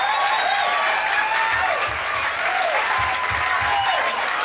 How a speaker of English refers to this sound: Maybe with a little encouragement, if we applaud real loud, maybe we could get … to come up here. Mr. …, come here.